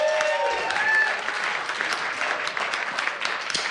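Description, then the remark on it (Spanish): An audience at the Festival Intersecciones, broadcast live on Radio UNAM, applauds steadily, a dense wash of many hands clapping at fairly high volume for several seconds, with a couple of brief whistle-like tones early on. “Un aplauso”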